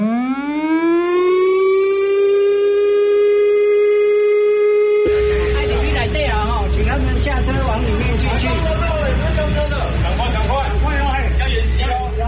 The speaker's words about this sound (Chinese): 下午2:30，警广台中分台今年首度在频道上配合播放演习开始的警报声。